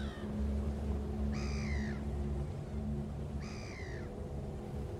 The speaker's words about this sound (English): The deep laughing cry of the great black-backed gull is a haunting call and will send a chill down anyone's spine that dares to listen.